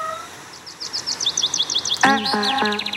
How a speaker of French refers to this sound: Je connais, c'est des oiseaux.